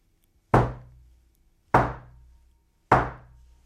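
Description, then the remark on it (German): Three firm knocks on a wooden door, evenly spaced about a second apart, each a sharp thud with a short decay, and nothing else around them. “Und über dem klopft's an der Tür.”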